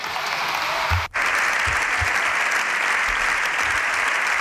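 Sustained applause from a large crowd after a political speech in a face-to-face debate with Pedro Sánchez, a dense, even wash of clapping that fills the whole clip at steady loudness, with one brief dropout near the start and no voices.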